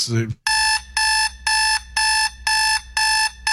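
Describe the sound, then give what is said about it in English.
A loud, harsh alarm clock buzzer blares in six rapid, evenly spaced bursts, each about half a second long with short gaps. It starts right after a brief snippet of a voice. “Minnesota gets the alarm clock now.”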